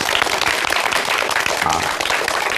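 Sustained, warm audience applause welcoming Professor Yao Xishuang of the Communication University of China to a recitation master class, a dense, steady patter of many hands clapping at an even loudness for a few seconds, with no voices over it.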